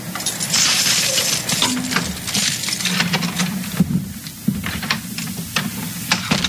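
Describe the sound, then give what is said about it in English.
A bunch of house keys jingles as they are handed over at a new house, a steady run of bright metallic clinks and rattles lasting several seconds, with no voices. “Here's my keys.”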